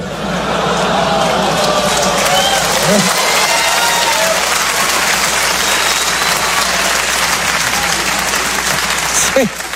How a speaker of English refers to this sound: See, you hear that little groan when I said that, when I said you have to work for the church? It's because religious people are in the crowd and they don't like hearing facts.